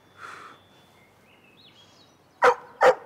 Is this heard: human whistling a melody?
no